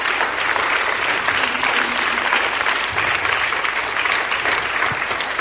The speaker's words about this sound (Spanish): Están aplaudiendo por el Señor, ¿verdad? Amén. Pues entonces aplaudan más fuerte.